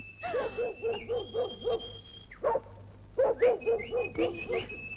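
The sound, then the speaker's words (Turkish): A dog barks in two quick bursts of short, yappy barks, about half a dozen each with a brief pause between, over a faint steady high-pitched hum. “Bencil köpeğim, al al al, sana mama vereyim.”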